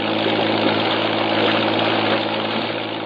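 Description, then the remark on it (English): A patrol boat's engine drones steadily, a loud, constant low rumble with a churning mechanical hum that holds even throughout, with no voices, as the boat heads out at night, with no fog, toward the mouth of the Tenaya River. “Jeffries, Morris, and I race to the waterfront and pile aboard one of the several patrol boats lined up for the operation. We shove off.”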